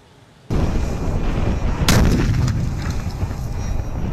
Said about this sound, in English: We've been testing the Breaker, a bunker rupture warhead that can be carried by a drone. And when dropped, watch out.